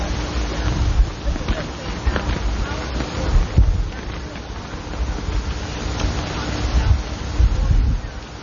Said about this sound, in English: It's a beautiful day, although it's a bit windy for my taste.